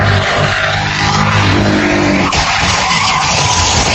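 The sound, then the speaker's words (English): A car skids hard during a police chase in Miami, Florida, ending in a violent crash; its tires screech over a loud engine roar for several seconds, continuous, with a brief jolt partway through and no voices. “In Miami, Florida, a man being chased by police accused of military abandonment ends up in a violent crash.”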